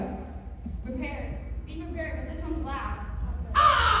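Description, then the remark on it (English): A person imitates a fish crow, giving a few short nasal caw-like calls in a row, fairly loud, ending with a brief harsher burst. “That's pretty good as a crow, though.”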